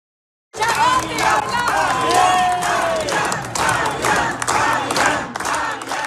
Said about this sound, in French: Ce qu'on entendait, ben c'est court, mais c'est un extrait de l'ambiance qui régnait au rassemblement de campagne du Parti québécois à Rivière-du-Loup hier.